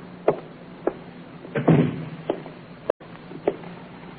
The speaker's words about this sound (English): Shut the door, will you, Inspector?